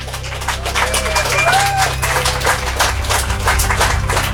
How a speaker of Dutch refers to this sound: Leuven, jullie waren al zeer goed bezig om een applaus te geven. Dat mogen jullie nog eens doen.